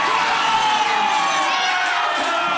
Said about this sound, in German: Da steht er wieder, alles jubelt.